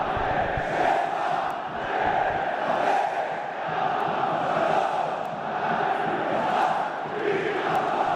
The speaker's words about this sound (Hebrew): מלחמה, מלחמה צועקת ביתר